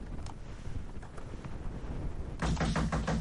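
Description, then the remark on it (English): Loud, rapid banging on a door breaks out near the end: a quick run of about half a dozen heavy knocks, following a stretch of murky background noise. “Who be that? Who won't break my door?”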